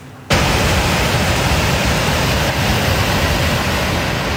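A loud, steady roar of rushing flash-flood water begins abruptly and continues as a dense, unbroken wash of churning noise, with no voices heard, as the torrent flows through Ban Rong, Pua subdistrict, Pua district, Nan province, Thailand, before dawn after more than 300 mm of heavy rain.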